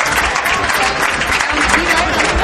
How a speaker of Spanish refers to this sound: Esos eran los aplausos que se escuchaban entre 200 y 300 personas. Hoy ha comenzado esa protesta.